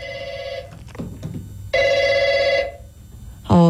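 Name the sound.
telephone ringing unanswered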